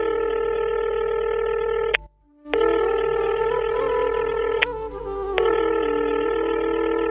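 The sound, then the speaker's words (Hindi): A steady electronic telephone ringback tone hums on an outgoing call, a repeat attempt to reach a man whose phone had shown busy, briefly cutting out once before resuming, with faint clicks and no voices. “एक बार ही औरी करके देख लो।”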